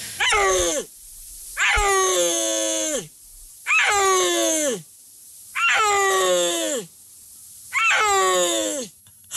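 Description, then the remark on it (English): A Central Asian mountain wild cat, captured on camera in a Chinese national park in northwest China around 2020, calls five times in a steady rhythm, each loud, harmonic, yelping cry lasting about a second and sliding downward in pitch, separated by brief silences. “cats that live in the Central Asian mountains. Let's listen to a little bit of the sound.”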